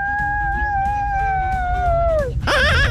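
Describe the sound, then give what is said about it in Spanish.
A child's voice, sent in as a voice note to a radio contest, imitates a witch's scream: a long, high, steady shriek that slides downward, then breaks into a shrill, wavering wail, with a low rumble underneath throughout. “¿Quién más se anima a mandar el grito de bruja que le llaman?”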